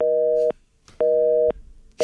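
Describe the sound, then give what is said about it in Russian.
A telephone busy signal: steady, mid-pitched electronic tone pulses, each lasting about half a second with equal gaps of silence between, repeating in a regular on-off rhythm. “Занят.”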